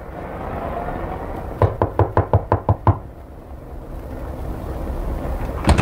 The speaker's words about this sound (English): I knocked on the ramshackle door of 183 Lightman Apartments.